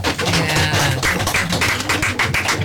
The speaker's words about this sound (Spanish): Aplauso de cuerdas y de cajas.